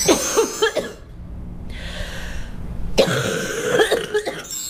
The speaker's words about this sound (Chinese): 有一种 气道里 粘稠感。 对，它气道里有那种黏黏的痰，所以它咳出来可能有点痰鸣的声音。 咳嗽声带有痰音的很好区分。